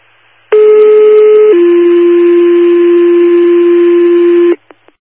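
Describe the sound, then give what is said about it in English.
Fire department dispatch second tones for a cardiac call at 4300 Idle Lake Road, Town of Ohio: a loud steady pitched tone about one second long, then a second, slightly lower tone held for about three seconds, followed by two brief clicks. “Special Force Port Second Tones. Cardiac call 4300 Idle Lake Road, Town of Ohio.”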